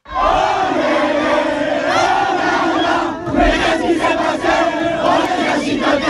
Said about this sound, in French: Score final 1-0 pour Verson. C'était la fête sur le terrain dès la fin du match